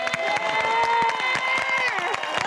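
An audience breaks into steady, dense applause, many hands clapping at once, with a sustained musical tone or held note ringing underneath throughout.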